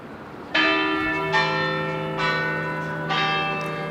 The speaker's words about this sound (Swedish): Kyrkklockor från centrala Köpenhamn, Rådhusplatsen skulle jag tro.